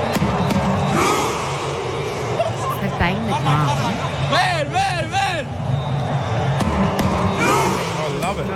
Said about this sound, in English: So he bangs the drums. Look at the crowd. He bangs the drums and then everyone leans back like they're on a rowing machine. Yeah. Starts rowing. So they're all on a boat together.